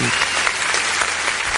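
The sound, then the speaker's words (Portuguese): A burst of canned applause from a sound-effect button pressed by the production team: dense, steady clapping from a crowd, loud and uniform for about a second and a half, with no voices over it. “Aplausos aí para nossa gloriosa Polícia Militar do Distrito Federal, pela polícia também, né, do Mato Grosso, do Goiás, por esse belíssimo trabalho aí.”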